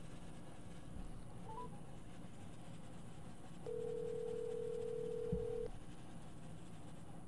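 A short dialing chirp near the start, then a steady phone tone holds for about two seconds before a brief click, with a quiet line hiss underneath and no talking, as a radio host calls council member Choi Se-young to connect a live phone interview.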